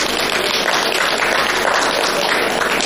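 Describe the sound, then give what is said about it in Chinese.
An audience at a Chinese quyi (folk performing arts) stage show claps steadily and densely for about three seconds, a sustained wash of hand claps at fairly loud, even volume with no voices standing out. “其实您不用鼓掌，我们都是死词儿啊。您不鼓掌，我也这么说啊。”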